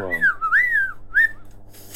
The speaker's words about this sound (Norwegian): Står hjemme og så plystrer.